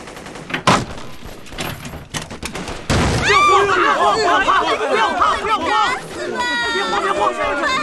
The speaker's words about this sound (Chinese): 你听，枪炮声又近了，放我出去！